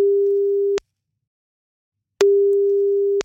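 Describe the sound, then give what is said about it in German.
A steady single-pitched telephone ringback tone sounds twice as a phone call is placed, each burst lasting under a second with a long silent gap between, clear with no one speaking. “Jetzt rufen wir Jan Ole einmal an. Hoffentlich ist er am Telefon gleich.”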